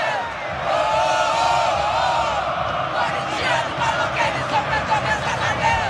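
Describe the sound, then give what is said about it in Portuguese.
A large crowd of fans at the Neo Química Arena sings and chants in unison after the referee's final whistle in a Corinthians match, a loud, continuous wall of voices that turns more rhythmic and pulsing in the second half. “Assim que terminou o jogo, o árbitro apitou o final da partida, a torcida começou a cantar e não para, ó.”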